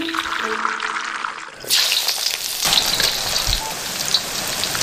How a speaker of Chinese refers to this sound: 要获取焖鸭的极致风味，赴汤蹈火，如同一场热烈如炙的洗礼。随着滋滋的爆裂声，鸭子在油锅中发生奇妙的美拉德反应，这也是构建焖鸭形与色的关键。